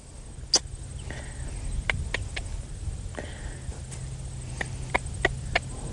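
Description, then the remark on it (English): Hooves of recently wild horses being put through their paces on soft ground: a scattered series of about ten quiet, irregular thuds and taps over a low steady rumble, with no voices. “Even their hooves are mostly silent on the soft surfaces.”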